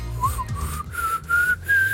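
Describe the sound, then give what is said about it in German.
A person whistles a simple children's tune on the RBB 88.8 morning radio show in Berlin, the notes climbing step by step in short held phrases, with a low background hum and no talking. “Bist du in der Lage, Melodien zu pfeifen, sodass es schön klingt?”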